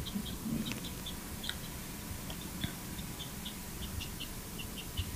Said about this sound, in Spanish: Eso es, sí. Eso es como un ave, ¿no?